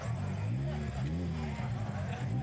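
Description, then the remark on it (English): The engine of a 2005 Mini Cooper rumbles fairly loud, running steadily for the whole stretch with a slight rise and fall in pitch around the middle, like a light rev. “So what is your car here, and what have you done with it? It's a 2005 Mini Cooper.”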